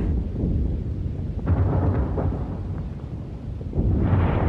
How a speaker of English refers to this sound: There's a dense smoke screen as the battleships and the warships, the smaller warships, sweep along there, firing all the time against the shore, and some of them laying a smoke screen for us.